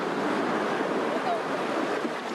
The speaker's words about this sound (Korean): 파도 안 칠 때는 괜찮은데, 이렇게 파도 쳐. 오빠가 저렇게 파도 치는데 바다 들어가 있으면 불안하진 않으세요?